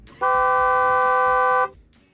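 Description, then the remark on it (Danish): A single sustained Nissan car horn blast, loud, held steadily for about a second and a half before cutting off abruptly, with faint background noise around it. “Det er en Nissan, kan jeg sige til dig.”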